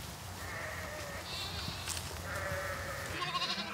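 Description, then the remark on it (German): Several sheep bleat in overlapping calls as the flock arrives at a pen, over a steady low rumble of outdoor background noise, with no talking. “Und dann kommen auch schon die Schafe an.”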